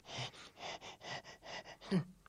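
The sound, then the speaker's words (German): A voice imitates a broken printer straining to print a shopping list: a quick run of eight breathy, rhythmic puffs ending in a louder, strained groan-like gasp. “Und weil der Panda die Liste so dringend braucht, gibt sich der Drucker total viel Mühe und ächzt und schnauft beim Drucken.”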